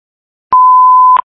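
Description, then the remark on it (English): A single steady electronic tone, loud, holds one pitch for under a second with clicky edges at its start and end: the Solve SRO notification alert on a dispatch radio channel, with no talking. “The Solve SRO notification.”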